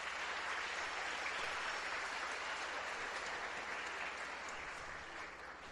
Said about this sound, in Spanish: Le damos gracias al Señor por la vida de esta personita. No sé dónde está por ahí. Démosle fuertes aplausos, felicidades.